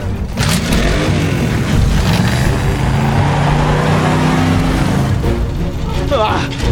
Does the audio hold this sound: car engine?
yes